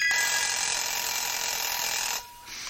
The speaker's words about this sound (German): Der Wecker.